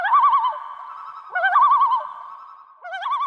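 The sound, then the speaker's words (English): A common loon, swimming toward a camper in Alberta, gives three quavering, tremolo calls in quick succession, each a loud, wavering yodel-like phrase with brief pauses between, clear with no talking. “he noticed a loon swimming right toward him.”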